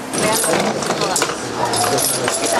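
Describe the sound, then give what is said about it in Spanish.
Bullets seized by police in raids on an illegal arms trafficking gang clink and rattle against each other as they are handled, a dense, continuous jangle of small metallic taps, fairly loud throughout. “El sonido de las balas es una señal de la magnitud del arsenal incautado.”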